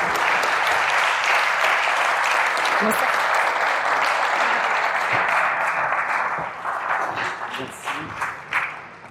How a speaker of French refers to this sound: Donc je vous prie d'applaudir